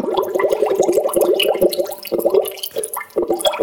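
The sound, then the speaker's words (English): A urination sound effect: a heavy stream of liquid pours and splashes into toilet water, loud, with gurgling pulses throughout and a brief lull before it resumes. “Like, I mean, that's quite a heavy flow, but you know, that's a big plop.”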